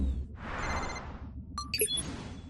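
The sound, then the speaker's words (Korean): A whooshing burst of noise gives way to a quick cluster of bright electronic ringing tones, an incoming call from the Super Pets in Santao, China, in Super Wings, clear with no one talking. “맞아, 슈퍼펫들이 중국 산타오에서 전화를 걸었어.”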